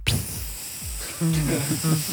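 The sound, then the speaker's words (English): A person makes a steady, breathy hissing sound, imitating a dog urinating onto a spongy surface in the back of a car while driving. Voiced, wordless vocal sounds follow in the second half. “He's weed in the back of the car after I'd spent 5 minutes on the side of the road at the service station giving him a chance to wee outside the car.”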